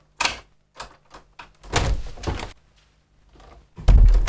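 A door is handled and swung wide open: a few sharp clicks and latch rattles, a longer creaking scrape, then a heavy thud at the end, with no voices.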